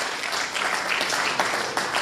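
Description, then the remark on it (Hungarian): A quiz show studio audience applauds steadily, a dense crackle of many hands clapping at even loudness for a couple of seconds, with no voices over it. “És akkor ugye annak idején, taps jár.”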